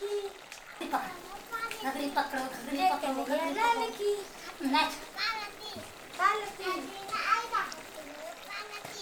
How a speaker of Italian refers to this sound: I bimbi si divertono un sacco a parlottare con la mamma e la nonna.